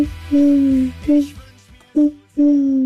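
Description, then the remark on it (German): A person imitates an owl with a series of low, tonal hoots: a long sliding hoot, a short one, then two more drawn-out calls, fairly loud with no talking. “Ich habe gesagt, schicken wir die besten Eulengeräusche.”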